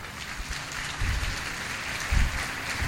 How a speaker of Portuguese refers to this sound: Recebido com aplausos o nosso Rossandro.